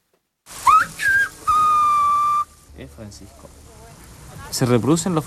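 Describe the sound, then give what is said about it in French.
Loud whistling in a whistled language that reproduces Castilian Spanish phonemes, whistling a name: gliding, rising and falling pitches followed by a long steady held tone, mimicking the contours of a spoken word, then fading into background speech. “On reproduit les phonèmes castillans. Tu siffles Francisco et en fait, tu détaches Francisco.”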